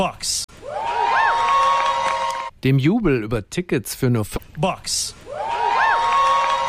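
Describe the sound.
A crowd cheers loudly and steadily with whoops and shouts over World Cup tickets for only $50, broken in the middle by a few seconds of a man speaking before the roaring cheer swells back up.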